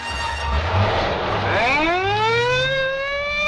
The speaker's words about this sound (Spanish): La patrulla se pone en movimiento. Y haciendo ulular la sirena, cruza vertiginosamente por las pistas laterales del aeropuerto, dirigiéndose hacia el edificio de la capitanía.